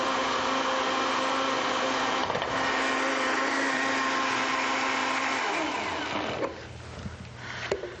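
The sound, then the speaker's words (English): A loud electric blender blending about 2 teaspoons of coriander into a dressing whirs steadily with a dense, high motor whine for about six seconds, its pitch dropping as it winds down, followed by a few rattling clunks. “So we've got about 2 teaspoons of coriander and keep blending.”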